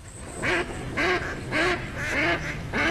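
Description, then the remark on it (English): Ducks quack in a steady series of five loud, nasal calls spaced about half a second apart, with no talking over them. “You hear that? Now that's music to my ears. Time to gear up for bird season.”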